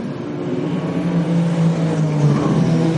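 Loud, continuous engine roar of racing cars on a track during the pass-around phase of a safety car procedure, a steady droning pitch that rises slightly as the cars run past, with no talking.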